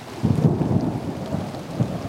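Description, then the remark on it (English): Steady rain pours down in a dense, continuous wash, with low rumbling thunder rolling underneath throughout. No voices, just the enveloping storm. “I just like listening to the rain.”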